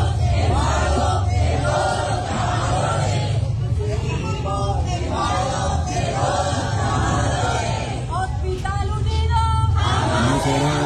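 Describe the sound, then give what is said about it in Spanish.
A crowd of men and women shouting together at a protest over Hospital San Nicolás in Planeta Rica, a dense, continuous roar of raised voices with chanting swells and overlapping cries that stays loud throughout. “Ahí estaban las mujeres y los hombres gritando el día anterior, pero nada.”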